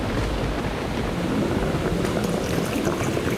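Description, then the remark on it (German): Loud, churning sea water swirls continuously in a whirlpool with a deep rushing roar and steady turbulent texture, with no voices present. “Der Strudel wird dich verschlucken, dich und dein Geld.”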